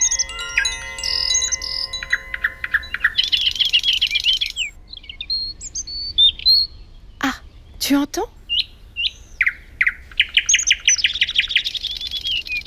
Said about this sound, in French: Tu entends? Est-ce que tu as reconnu ce chant? C'est un petit oiseau bleu qui s'approche en chantant. Il a le ventre jaune. C'est une mésange.